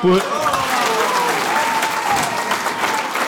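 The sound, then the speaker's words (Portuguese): A crowd applauds steadily and loudly after a political speech by André Ventura at the opening of the Chega party's National Council, at night in a hotel in Lisbon. Dense clapping fills the whole stretch, with a few raised voices and faint tonal sounds mixed into the ovation. “Declarações de André Ventura, muito aplaudido na abertura do Conselho Nacional do Chega.”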